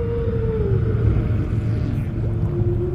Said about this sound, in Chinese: 声音在水下可以传播得更远，鲸的歌声可以横跨整个海洋。